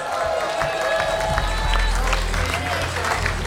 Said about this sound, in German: Applaus!